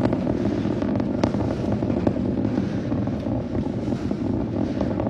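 A continuous, thunderous roar from the 33 Raptor engines of a rocket booster ascending over the Gulf through maximum dynamic pressure, deep and rumbling with crackling bursts woven through it, holding steady and loud without pause and with no voices present.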